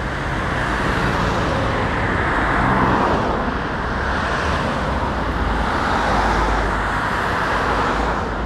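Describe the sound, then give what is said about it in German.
Dense, steady roar of cars rushing past on the four-lane Frankfurter Allee, a road cutting through the neighbourhood, heard while crossing it; loud, with broad swells as vehicles pass and no voices. “Erstmal aber überqueren wir die vierspurige Frankfurter Allee, die den Kiez durchschneidet. Auf der anderen Seite der durchrauschenden Autos wartet auf uns der kommunale Bürokratie-Dschungel.”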